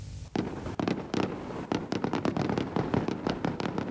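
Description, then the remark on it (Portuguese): A rapid, irregular barrage of fireworks bursts, sharp cracks and booms piling on top of one another with a constant crackling rumble underneath, loud throughout and with no voices. The fireworks go off shortly after midnight over the Bay of Angra in Angra do Heroísmo, Azores, marking the start of 10 June, watched by hundreds of Azoreans. “Fogo de artifício para assinalar a entrada no 10 de junho.”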